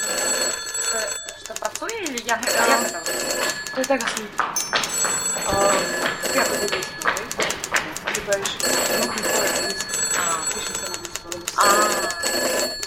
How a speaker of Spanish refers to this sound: Entre todos, ¿podéis escoger los malditos teléfonos? Xa vexo que non.